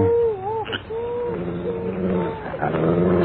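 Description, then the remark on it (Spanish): A dog named Azabache growls low and continuously, with higher whining, wavering tones rising over the rumble for a few seconds. “¿Qué le gruñes tú, Azabache?”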